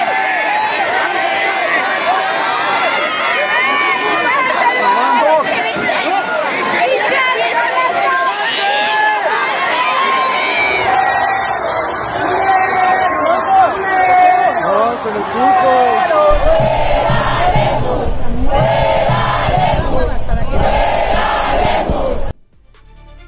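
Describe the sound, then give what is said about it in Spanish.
A loud street protest crowd, protesting over water, chants and shouts slogans against governor Pablo Lemus and that water is a right, voices rising in rhythmic bursts over steady babble, with a few abrupt cuts between recordings before it ends suddenly. “Así se escucharon las protestas en la calle.”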